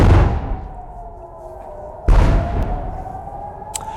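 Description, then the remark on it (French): Two heavy explosions boom in the sky over Jerusalem at night, after an alert, one at the start and another about two seconds later, each with a broad blast and a long rumbling decay that rolls across the sky. “De lourdes explosions, c'était il y a moins de deux heures dans le ciel de Jérusalem, précédées d'une alerte, 100 jours exactement après l'attaque américano-israélienne sur l'Iran.”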